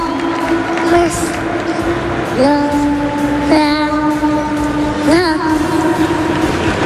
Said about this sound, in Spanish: Esos son los chicos de Dani Carvajal, los dos muy rubios en el centro del campo del Bernabéu, con Dani Carvajal que está siendo aplaudido.